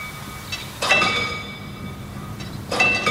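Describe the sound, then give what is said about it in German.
A manually operated railway crossing barrier gives off bursts of bright metallic ringing with sustained high tones. Two louder clangs stand out against a low rumbling background, with no one talking. “Diese Schranke wird auch noch manuell bedient. Und es klingt auch noch richtig schön nach alter Eisenbahn.”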